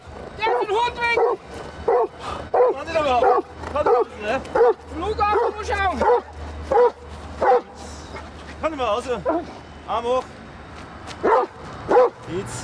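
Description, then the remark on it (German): A giant schnauzer security guard dog, working on airport grounds, barks aggressively in rapid, repeated bursts, loud, with some higher yelping barks mixed in over a low background hum, during a guard-training exercise. “Der Hund ist mannscharf und macht dem Fremden Angst.”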